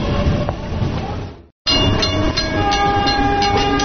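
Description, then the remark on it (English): A train rushes past a station platform with a loud, steady roar. After a brief cut to silence, a sustained horn tone sounds over clattering wheels and metallic clicks. “So it amazes me, even though there are pedestrian railway crossings, people still push their luck with trains and cars.”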